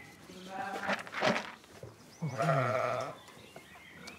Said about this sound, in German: So, müssen wir mal die Schafe eben am Auftrieb machen, wie jeden Morgen.